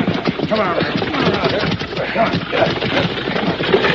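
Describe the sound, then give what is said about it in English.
Rapid, rhythmic thudding of horse hooves pounding along a trail as a rider approaches, steady and fairly loud, with a dense rattling clatter running underneath throughout. “Hazard, somebody coming. Pounding the trail.”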